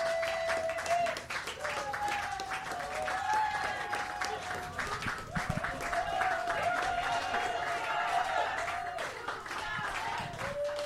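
Sustained audience applause for a band that has already left the stage, with dense, steady clapping over a continuous crowd roar, with scattered whistles and cheers rising above it throughout.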